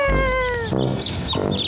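A cat meows loudly: one long, drawn-out meow that sags slightly in pitch, then two shorter, rougher meows in quick succession.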